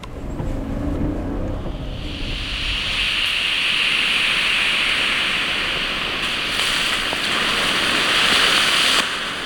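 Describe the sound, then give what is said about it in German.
Smoke bombs are ignited in a forest clearing by the Burbach stream during a staged fire-service exercise. They let out a loud, steady hiss that swells after a brief low rumble, then roars continuously like rushing water, with no voices. “Und jetzt zünden wir noch Rauchbomben.”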